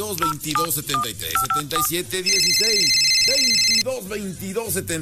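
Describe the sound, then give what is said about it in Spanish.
A series of quick dial-tone beeps gives way to an electronic telephone ring lasting about a second and a half, loud, on a radio station's phone line in Puebla state, while voices carry on underneath. “teléfonos más alegres de toda la radio y todo el estado de Puebla.”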